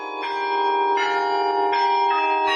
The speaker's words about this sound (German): Den Glockenklang über ganze 3 Oktaven hinweg kann man jetzt aber nur noch unterhalb des Turms hören.